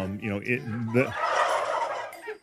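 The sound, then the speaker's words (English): Turkeys gobble loudly, a rapid warbling burst followed by a noisy, rustling flurry of calls from several birds at once. “Most commercial turkeys would freak out in this noisy, unfamiliar, unbarn-like environment.”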